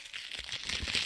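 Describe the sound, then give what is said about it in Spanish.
A plastic Takis snack bag crinkles and rustles as it is grabbed and pulled open, a steady, fairly soft crackling with a few dull thumps and no voices. “Agarran la bolsa.”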